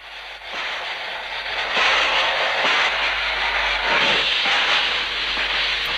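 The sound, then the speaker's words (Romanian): A train rolls steadily along the rails with a continuous, loud rushing rumble and a faint high whine, unbroken for the whole stretch, with no voices. “Ale Ale, dar cu ce? Cu trenul.”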